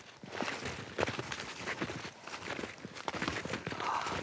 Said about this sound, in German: Und wie so der Schnee knirscht unter den Füßen.